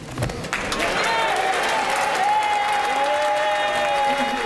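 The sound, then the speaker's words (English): Sustained, loud standing applause from a large crowd in a parliament chamber after a departing Labour government member's farewell speech, steady and dense throughout, with a faint tonal whistle or hum running beneath the clapping. “The very people that have got rid of him had the cheek to stand up and clap him.”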